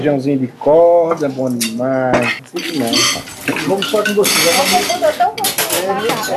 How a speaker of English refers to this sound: is now doing the dishes, and the water that's going down the drain in the sink goes directly into the filtering system.